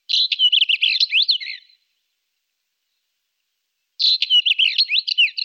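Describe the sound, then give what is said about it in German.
A Northern wheatear sings two short bursts of scratchy, chattering, rapid notes, separated by a couple of seconds of silence. The bird sounds clear, with no voices or other noise. “Mein Vogel der Woche, der sehr hübsche und vor sich hin schmetzende Steinschmätzer.”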